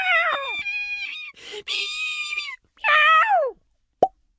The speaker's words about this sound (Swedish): Plopp! Fröet stängde in sig i nöten igen.